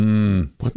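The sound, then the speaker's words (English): A frog's low, bark-like mating call: one sustained, buzzy croak followed by a shorter, rougher burst, loud and alone with no talking. “So in other words, so that's the sound of the sex frog, right?”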